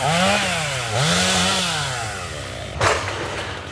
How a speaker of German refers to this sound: Auch ein paar Kilometer weiter in Ordrup ist das Dröhnen von Motorsägen weiter allgegenwärtig.